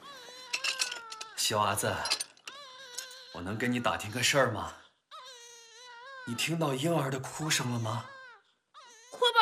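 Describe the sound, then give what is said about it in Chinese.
A weak, sick-sounding baby, heard from the prison, cries in thin, wavering wails that come in several broken bursts, moderately loud, with rougher vocal sounds between the cries. “那个哭声好虚弱，肯定是生病了，多可怜呐！”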